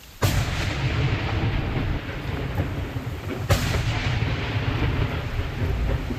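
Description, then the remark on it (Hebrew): Two loud, sharp gunshots crack out a few seconds apart over a constant heavy roar of wind-like rumble, with no one speaking, as members of the Shomera standby security squad fire at explosive drones launched from Lebanon. “על אף הצהרות צהל והממשלה על העמקת התמרון בלבנון, התמונות האלה של חברי כיתת הכוננות של שומרה יורים באומץ על רחפני נפץ ששוגרו מלבנון, לא נותנות מנוח.”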